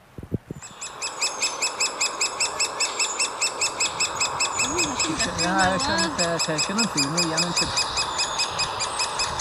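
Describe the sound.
A great spotted woodpecker gives sharp, high calls repeated in a steady, rapid rhythm throughout, fairly close and clear, while a person briefly speaks partway through.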